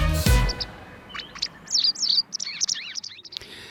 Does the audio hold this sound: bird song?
yes